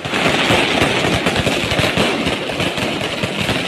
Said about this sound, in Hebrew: האם היית מצליח לישון שנת לילה מספקת לפני משחק גדול כשזיקוקי דינור מתפוצצים ממש מטר מחוץ לחלון שלך? כנראה שלא.